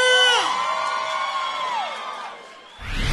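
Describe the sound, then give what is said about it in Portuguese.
A crowd of voices lets out a loud, sustained whooping cheer, several pitches overlapping and sliding downward as the shout fades over about two seconds. “Cadê o grito?”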